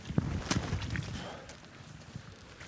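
Several hoof clops from a horse, irregularly spaced, over a low rumbling background with faint murmuring.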